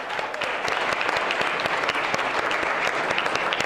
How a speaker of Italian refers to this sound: Voi venite da una bellissima città, Trapani. dalla diocesi di Trapani, la Sicilia, la bella Sicilia. E allora fate un applauso. Fate un applauso alla bella Sicilia. Trapani.